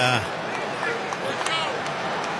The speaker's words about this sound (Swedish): Han får applåder i alla fall. Kamara kommer in istället för honom.